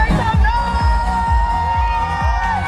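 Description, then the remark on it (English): A dense crowd in a cheer tunnel at Stoughton High cheers and shouts continuously as Olympic gymnast Frederick Richard runs through to kick off Frederick Flip's fair, with excited voices and whoops layered close together, rhythmic clapping or stomping thumping underneath throughout. “Frederick Richard backflipped out of his car and then ran through a cheer tunnel as he kicked off Frederick Flip's fair at Stoughton High.”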